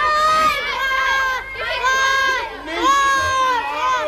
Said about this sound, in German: Nachdem alle Kinder befreit waren, gab es natürlich zunächst einmal großen Jubel.